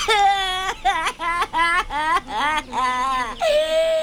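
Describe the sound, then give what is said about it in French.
A performer's voice imitates a little crocodile crying: a loud run of whiny sobbing bursts, each rising and falling, building into a drawn-out wail at the end. “Oh non, petit croco, non, non, je t'en prie, ne pleure pas!”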